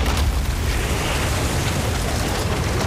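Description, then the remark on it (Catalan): A barrel full to the top with black beer bursts at a brewery in London, exploding in a loud, continuous rumbling roar with a heavy low-end boom and rushing noise that stays at full strength throughout, with no voices. “El soroll de l'explosió és tan gran que se sent des de mig Londres”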